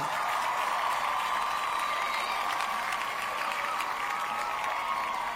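Steady audience applause, a dense wash of many hands clapping at an even level for about five seconds, with no voices standing out.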